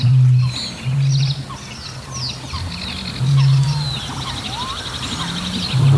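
A dense mix of overlapping calls from various bird species, picked up by microphones at Tåken in Östergötland: many chirps, trills and whistles at different pitches, over a deep, loud low tone that swells and fades in repeated bursts.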